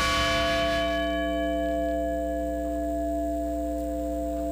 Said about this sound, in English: And in Shanksville, bells and speeches honored the 40 lives lost on United Airlines Flight 93.